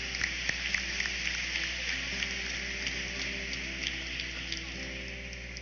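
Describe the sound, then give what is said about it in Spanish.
Steady applause from a crowd at a parish patron saint festival, honoring the Divina Misericordia group and the Pastoral Ecológica, a dense, even patter of many hands clapping that holds for several seconds over a low, constant hum. “El aplauso también para ustedes.”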